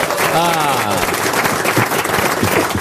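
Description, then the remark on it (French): An audience bursts into dense, steady applause, clapping to show who understood an explanation, loud and sustained throughout, with a voice rising briefly over the clapping at the start. “qui a compris par applaudissement?”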